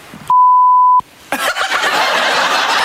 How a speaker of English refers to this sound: All you need to do is figure out what the beep word is. Complete this sentence. You can never trust anyone who has a...